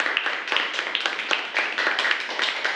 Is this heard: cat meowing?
no